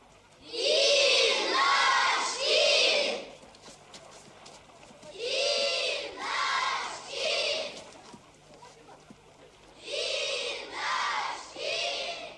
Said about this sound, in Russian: Голдящая толпа разворачивается в сторону пригорка, на котором стоит начальник лагеря.